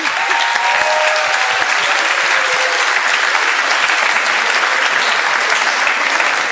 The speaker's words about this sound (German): Gut, dann Florian, Applaus für den Florian.